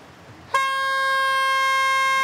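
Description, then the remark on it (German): A loud, sustained horn blast sounds as a warning signal at an unexploded-ordnance clearance site. It starts abruptly after a brief quiet moment and holds steady as a single continuous tone, alone without speech. “Tröte? Tröte?”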